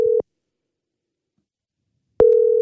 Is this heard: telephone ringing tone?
yes